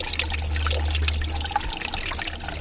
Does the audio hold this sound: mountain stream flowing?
yes